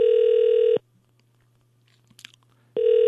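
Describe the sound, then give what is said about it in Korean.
Loud, steady telephone ringing tone heard while a call is placed from Far East Broadcasting (극동방송) to a regular phone line: a sustained buzzy beep, a pause of about two seconds with faint small clicks, then the tone returns. “일반 전화로 가거든요. 극동방송이라고 이제 뜰 겁니다.”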